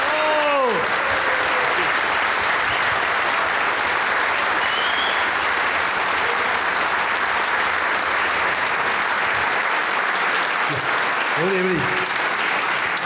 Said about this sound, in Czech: Já teda děkuju za krásný aplaus, ale já vám ještě řeknu, mám na vás otázku.